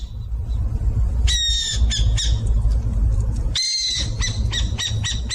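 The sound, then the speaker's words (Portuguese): Burrowing owl (Athene cunicularia) calls: harsh, raspy squawking bursts in two clusters, the second followed by rapid chattering notes, over a steady low rumble of background noise. “Quem disse que é a coruja buraqueira acertou.”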